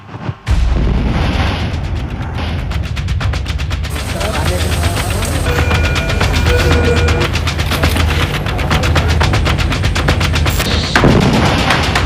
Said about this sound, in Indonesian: Ledakan sedemikian dahsyat dan terekam dari beberapa kamera pengawas.